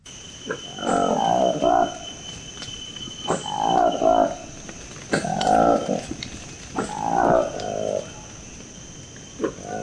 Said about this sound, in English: This is the remarkable sound of a newly discovered monkey in the Democratic Republic of the Congo. It's called the Likweli monkey. Its distinctive feature, apart from the curious noise it makes, is its bright orange lips framed by a furry black face.